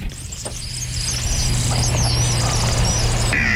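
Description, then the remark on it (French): A kingfisher's thin, very high-pitched whistle, a few short piercing sweeps over a steady low rumbling hum, with no voices. “C'est comme un sifflement très aigu.”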